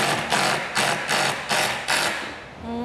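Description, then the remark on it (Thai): A hammer drill with only an impact mode, used for drilling concrete, runs in repeated harsh, rattling bursts, roughly two per second, each loud and gritty, ending with a steadier motor whine as it winds down. “เสียงอาจจะแปลกๆนะคุณผู้ชมเพราะว่ามันเป็นจอดกระแทกอันนี้ไม่มีโหมดอื่นด้วย”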